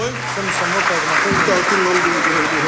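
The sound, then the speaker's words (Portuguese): A crowd applauds the archdiocesan choir during a Mass, before the coronation of the image of Nossa Senhora da Penha, with steady, dense clapping that stays loud throughout, mixed with a murmur of voices and a low sustained tone underneath. “uma salva de palmas ao coral.”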